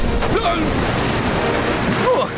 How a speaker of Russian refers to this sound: Осторожно! Эти волны больше, чем гигантская тыква во время сбора урожая.